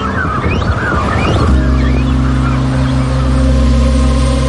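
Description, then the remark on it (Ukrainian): A cormorant colony with chicks, on islands in the Dnipro exposed by the falling water level and disturbed by people approaching, calls out in a burst of harsh, overlapping honking croaks before a steady low engine drone takes over and continues to the end. “Але баклани із пташенятами зовсім не раді відвідувачам.”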